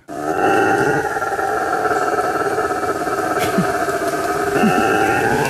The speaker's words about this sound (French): Il fait peur. Ah oui, moi j'ai cru que c'était, je sais pas moi, tout sauf un singe. Bah lui, il est très reconnaissable, c'est le singe hurleur. Ouais. Et alors il a, il vocalise comme ça très très loin. On peut l'entendre à des kilomètres en forêt.